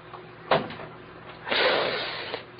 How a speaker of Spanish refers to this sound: Voy a abrir la puerta despacito.